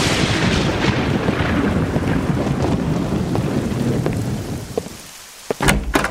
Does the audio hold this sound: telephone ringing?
no